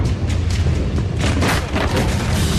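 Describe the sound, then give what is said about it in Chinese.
A loud, rolling explosion of flammable and explosive goods inside shipping containers, set off by a fire at the Ruihai International Logistics hazardous chemical stacks, Tianjin Binhai New Area port, at 23:34 at night; heavy low rumble, sharp blasts and crackling bursts over a continuous roar, overwhelming, with no voices. “然而，当晚23:34，火灾引起集装箱内的易燃易爆物品发生爆炸。”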